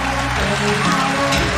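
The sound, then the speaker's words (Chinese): A large audience at a magic show applauds steadily to welcome Pleasant Goat and Big Big Wolf (喜羊羊与灰太狼), a dense wash of clapping that stays loud and even throughout, with a faint musical hum underneath. “来，掌声有请喜羊羊与灰太狼。”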